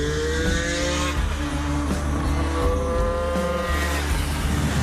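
The two-stroke engine of a light 475 V3 motorcycle revs loudly and continuously, its buzzing whine sweeping up and down in pitch over several throttle blips, with no voices.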